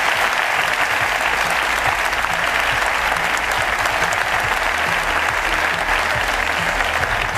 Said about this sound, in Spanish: Así que, de verdad, muchas gracias también a todo el equipo técnico de la cadena SER, que es alucinante. Me gustaría pediros un aplauso para ellos.